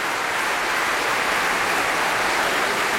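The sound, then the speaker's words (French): The audience of the Festival Radio France Occitanie Montpellier claps steadily and vigorously for baritone Stéphane Degout after he sang Schubert Lieder, a dense, unbroken wash of hand claps that holds at an even loudness for the full three seconds, with no voices audible. “Pour lequel il est fortement applaudi ici par le public du Festival Radio France Occitanie Montpellier.”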